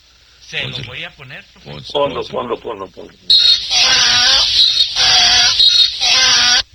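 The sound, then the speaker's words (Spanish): A donkey brays loudly, starting with a series of wheezy, sawing notes that build into long, harsh, blaring honks repeated without pause. “Después del burro los saludo cariñosamente.”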